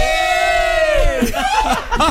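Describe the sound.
A group of children in a van shouts loudly together, starting with one long, high-pitched sustained cry that breaks into a burst of overlapping excited yells and laughter-like voices.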